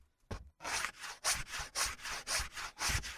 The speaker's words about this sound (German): Du kannst inzwischen schon die Kanten von den Holzfüßen abschleifen. Da, hier, da ist das Sandpapier.